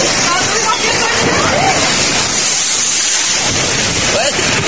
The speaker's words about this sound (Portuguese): Olha o vento aí. Olha o vento aí. Olha o vento aí.